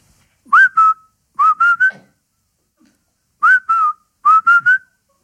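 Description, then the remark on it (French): A parrot whistles a short, repetitive tune: a two-note phrase followed by a three-note phrase, the pair repeated twice with a pause between. The clear, mid-pitched whistles sound alone, with no talking. “car sa mélopée, naguère entraînante, s'était faite un rien pénible, pour ne pas dire carrément chiante. Ça donnait ça.”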